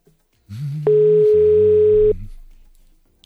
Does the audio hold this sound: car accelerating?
no